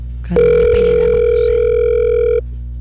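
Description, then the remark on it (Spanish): A steady, unbroken telephone tone holds at one pitch for about two seconds while a call is placed, loud as if heard through a handset, then cuts off abruptly. No one speaks. “No, después del tono, grabe su mensaje.”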